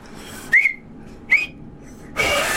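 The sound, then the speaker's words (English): Two short, thin whistle squeaks, then a longer airy, spluttering rush of breath: someone blowing through their thumbs and failing to get a clean whistle. No one speaks. “That is not a whistle. That is spit coming out of your thumbs.”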